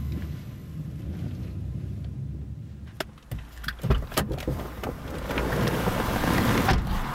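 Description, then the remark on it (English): A car drives through a city with a steady low engine and road rumble, then a few sharp clicks and a whirring as a power window is operated before the driving noise swells again. “drives us to a safe house in a rundown part of the city.”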